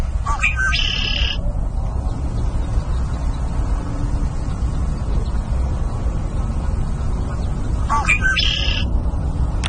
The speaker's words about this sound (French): Donc, un son un peu plus familier maintenant, le carouge à épaulettes.